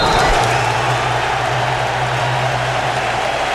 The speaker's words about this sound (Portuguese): Minuto de silêncio respeitado como se deve no Hard Rock Stadium. Aplausos da galera.